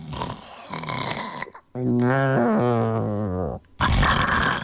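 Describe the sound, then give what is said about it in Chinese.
A voice imitates the loud snore of the character Lu Zhishen lying on a bed in a told story: one long, buzzing, wavering rumble lasting about two seconds, with brief bursts of speech before and after it. “他打起呼噜来了。”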